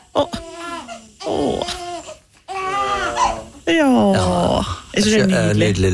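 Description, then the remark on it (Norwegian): A baby cries and babbles in several loud, wavering bursts, with its pitch rising and falling and short pauses between the wails. “Ja, nydelig lyd. Ingenting er finere enn små unger.”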